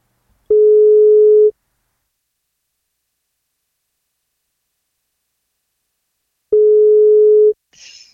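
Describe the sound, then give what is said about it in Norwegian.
Two steady, mid-pitched telephone ringback tones on an outgoing call to a woman on her birthday, each lasting about a second and spaced roughly five seconds apart with silence between, followed by a brief faint click as the line picks up. “Men hun må svare når vi ringer.”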